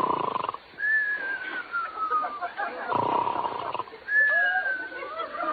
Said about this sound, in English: There he goes, Don. Every night it's the same thing, snoring and mumbling.